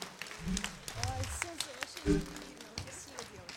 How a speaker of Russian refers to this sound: Тройные аплодисменты. Слов нет, дорогие друзья, сплошные овации.